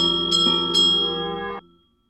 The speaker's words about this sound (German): Ungestüm riss Mess Lethierry an der Glocke.